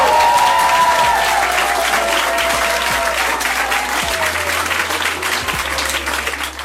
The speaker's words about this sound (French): On se quitte avec un tonnerre d'applaudissements des filles pour les filles.